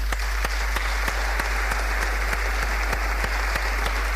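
A crowd applauds steadily for a few seconds, a dense wash of clapping with some sharper claps falling into a regular beat. No one speaks.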